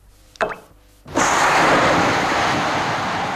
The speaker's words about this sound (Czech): Atomový výbuch? Nikoliv. Kostka cukru, rozpouštějící se v čaji.